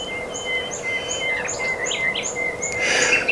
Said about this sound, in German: Und wir haben es jede Sekunde 8.50 Uhr und damit ist es Zeit für den Vogel der Woche, den ihr gleich hören werdet. Und zwar genau jetzt.